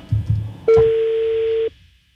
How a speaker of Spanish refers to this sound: Estoy marcando otra vez.